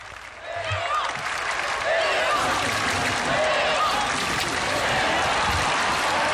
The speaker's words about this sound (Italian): Sentite la folla acclamare al Santo Padre in segno di gioia e ringraziamento per la sua presenza.